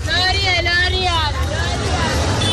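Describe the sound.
Outdoor bustle beside a busy roadside market: a steady low rumble of passing motorbikes and buses that continually drop off customers, under a dense hubbub of many passers-by's voices, with one voice standing out briefly over the continuous crowd noise.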